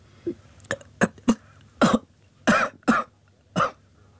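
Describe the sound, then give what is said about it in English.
A person who has choked on a drink of water coughs in a spell of about eight harsh, sputtering bursts. The rhythm is uneven, and the coughs grow louder and more strained toward the end, with no talking. “I drank some of the water and choked on it.”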